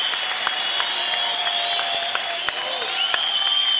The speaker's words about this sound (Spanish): Aplaude, porque es parte del desarrollo de la fe, del poder. Usted debe de alcanzar eso. Tiene que aplaudir.